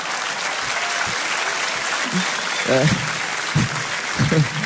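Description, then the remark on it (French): An audience claps steadily, a dense wash of applause filling the whole clip, while a few low voices murmur and call out briefly underneath. “Un gros temps de latence sur ces applaudissements quand même.”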